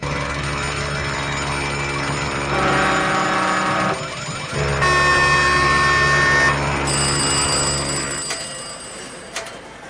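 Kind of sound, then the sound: signal or alarm, alarms ringing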